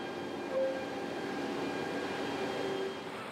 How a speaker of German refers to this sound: Heißt, der Zug kann pünktlich abfahren. Er bringt die Container aus Schweden jetzt Richtung Mittel- und Südeuropa.